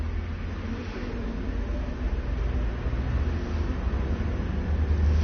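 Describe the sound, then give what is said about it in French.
Street traffic on boulevard Saint-Germain rumbles steadily with a deep low engine drone, a large postal truck passing and slowly swelling in loudness over a constant wash of road noise, along with a Volkswagen, a DS, a van, about a dozen cars and a moped. “Un camion des postes, boulevard Saint-Germain, une Volkswagen, une voiture, une DS, une camionnette, une douzaine de voitures, une mobilette.”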